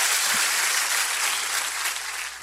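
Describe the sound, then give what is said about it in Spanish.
An audience breaks into sustained applause for the Lord near the end of a sermon, a dense, steady wash of many hands clapping at an even loudness for the whole stretch, with no voices standing out. “Dele un buen aplauso al Señor.”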